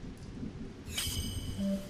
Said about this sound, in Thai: ฝนตกหนักขนาดนี้กลับไม่ไหวแล้วมั้งลูก